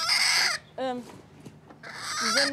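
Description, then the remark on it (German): A brooding hen gives a loud alarm call while protecting her eggs: two harsh, raspy squawks with a shorter, wavering, rising cry between them, all in quick succession. “Sie will jetzt ihre Eier natürlich beschützen, deswegen macht sie jetzt hier einen Alarm.”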